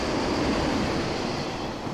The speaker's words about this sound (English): The train is coming. Oh, the train. Yeah. Oh, yeah. Wow.